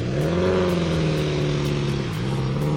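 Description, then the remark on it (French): Rally car engines rumble and rev, a steady throaty drone with pitch rising and dipping as the cars roll in slowly to the regroup area, loud and continuous throughout. “Voilà les voitures qui vont entrer au regroupe.”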